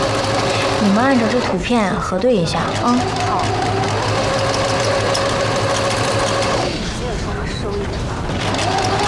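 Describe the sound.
Three sewing machines hum and whir steadily for the whole stretch while garments are being altered, a dense mechanical drone, with a brief stretch of voices rising over it near the start.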